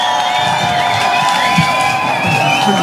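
A large crowd cheers loudly and steadily, a dense roar of many voices with high-pitched yells and whoops rising above it for the full few seconds, with no clear speech.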